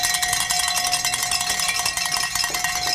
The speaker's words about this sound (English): And Sly has given us the signal to ring some bells here, folks.